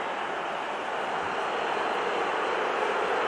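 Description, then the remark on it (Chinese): A large stadium crowd at Hill Dickinson Stadium boos a Manchester United tactical foul during a match against Everton, in a steady, unbroken roar that holds at an even, fairly loud level for the whole few seconds, with no one speaking over it. “希尔迪金森球场内啊是嘘声四起。”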